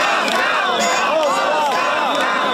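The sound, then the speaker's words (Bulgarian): A large crowd of Mladost residents, municipal councillors and MPs protesting in Sofia against construction of a 75-metre building chants slogans such as "We want our air" and "Resignation Kokurin" loudly in unison, many overlapping voices rising and falling in repeated rhythmic phrases without a break. “възгласи «Искаме си въздуха» и оставка Кокурин, жители на Младост, общински съветници и депутати казаха не на строежа на 75-метровата сграда в района.”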